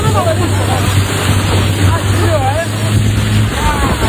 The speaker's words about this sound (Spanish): Imagínate que estás tranquilamente de vacaciones en Botswana, navegando, y que una pequeña, bueno, pues que estás en una pequeña lancha cuando de repente tu guía te dice: agárrate, que tenemos que acelerar, que viene un hipopótamo.